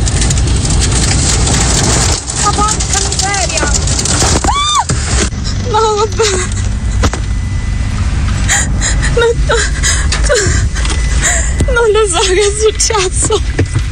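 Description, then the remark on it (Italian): Heavy rain and roaring wind from a tornado pound a car whose windows have burst, in a steady, loud wash of noise. A young woman caught inside cries, and distressed voices moan throughout. “il video di questa ragazza che vi invitiamo ad andare a vedere, in lacrime, perché si è ritrovata in mezzo a questa tromba d'aria e con gravi danni all'automobile, i vetri sono esplosi letteralmente.”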